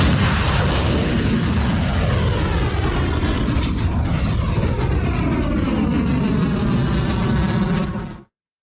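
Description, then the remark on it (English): A launch of Khyber Shaykan medium-range solid-fuel ballistic missiles, fired at Muwaffaq al-Sulti in Jordan: a loud, steady, thunderous roar with heavy low rumble and crackling hiss, sustained for about eight seconds before cutting off abruptly. No voices. “This first operation is going to have audio in, so you can feel the full effect of the launch of the Khyber Shaykan medium-range ballistic missiles that are being launched, in this case, at Muwaffaq al-Sulti in Jordan.”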